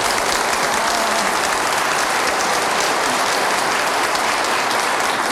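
Steady, dense applause from an audience of mostly women, with only one man among those clapping, a continuous crackle of many hands clapping at an even loudness for several seconds, with no voices.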